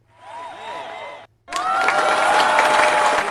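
A short burst of excited crowd voices gives way, after a brief pause, to loud, sustained audience applause mixed with cheers and whoops from many people in a livestream studio, applauding a presenter after her talk.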